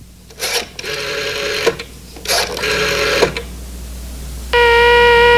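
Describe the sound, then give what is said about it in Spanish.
Two bursts of mechanical whirring and clicking as a call to Los Angeles, California is dialed on a public payphone, followed by a steady electronic phone tone that holds to the end. Fairly loud, with no voices. “Al rato, desde un teléfono público, el detective hizo una llamada a Los Ángeles, California.”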